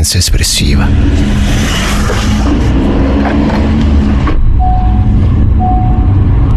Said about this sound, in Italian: mentre rientro a casa, in macchina, nel traffico romano che quotidianamente accompagna l'inizio e la fine di ogni mia giornata